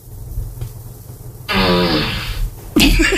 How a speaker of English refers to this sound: Alexa, ask for a fart. Oh, no. Oh, that's a shitty one. That's ew, ew.